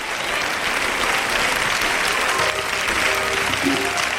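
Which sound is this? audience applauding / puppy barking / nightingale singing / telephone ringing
audience applauding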